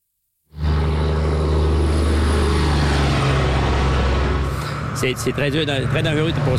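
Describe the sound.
Cars speed past on a highway in a loud, steady rushing roar, close and continuous for several seconds before a voice starts talking over the fading traffic noise.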